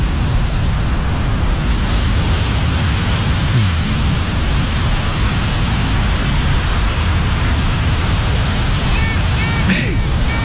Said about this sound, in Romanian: Apă și foc, momentan apa. Rămânem la apă pentru că următorul sunet. Valurile mării.